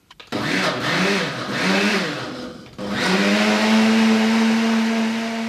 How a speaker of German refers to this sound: Ja, also zuerst wieder die eingemachten Johannisbeeren. Zum Pürieren. In den Mixer. In den Mixer. Mit Apfelsaft, oder? Mit Apfelsaft, ja.